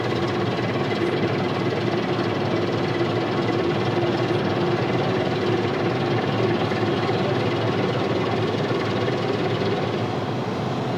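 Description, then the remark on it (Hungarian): A tugboat engine drones steadily and loudly as the tug comes alongside a barge to tie it up, a continuous low mechanical rumble with no change in pace and no voices over it. “Az uszály mellé áll és magához kötözi, a daruk is elengedik.”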